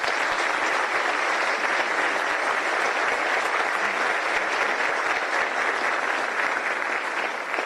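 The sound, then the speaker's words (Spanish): Loud, sustained applause from an audience for Dr. José María Peña, who is present, a dense steady patter of many hands clapping at an even level for several seconds with no voices standing out. “Quiero pedir un aplauso fuerte para el doctor José María Peña, que está acá presente y nos está acompañando.”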